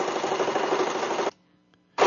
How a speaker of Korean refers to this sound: 재봉틀 소리.